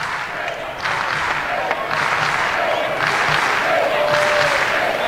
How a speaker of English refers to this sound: K-Time chant going here in the crowd.